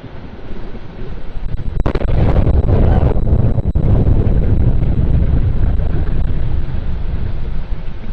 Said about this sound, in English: An explosion so large it could be seen, heard, and felt for miles. Many residents, hoping to catch a nighttime launch on their cell phones, caught an explosion instead.